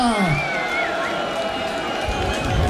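An audience applauds steadily and loudly for the whole stretch, a dense wash of clapping mixed with crowd cheering and a few high, sliding whistle-like tones.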